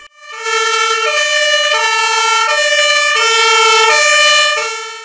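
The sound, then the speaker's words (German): A new rescue vehicle (HLF) of the Trebsen volunteer fire brigade rolls into the yard, its two-tone siren wailing loudly, alternating steadily between a high and a low note about every second, then beginning to fade at the very end. No one speaks. “Mit Tatü und Tata rollte das neue HLF auf den Hof.”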